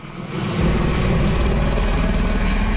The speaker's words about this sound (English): Helicopters drop water on flames near Oslo, Norway, as they burn through a residential neighborhood.